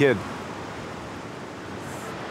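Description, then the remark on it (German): A steady, hissing wash of surf and wind on the windy beach of Pärnu fills the whole stretch, even and continuous, with a brief snatch of a voice at the very start. “Der Strand von Pärnu. Es ist wie eine Zeitreise. Fantastisch. Windig, frische Luft.”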